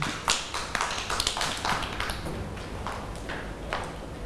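A group of children, asked by their teacher, clap their hands for a classmate in a loose, uneven patter of sharp, bright claps that runs steadily for several seconds without anyone speaking.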